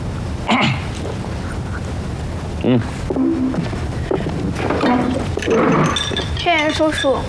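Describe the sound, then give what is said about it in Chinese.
Glasses clink together in a toast, a couple of bright, sharp taps, mixed in with lively overlapping voices and cheerful chatter around a table. “干杯吧！干杯！”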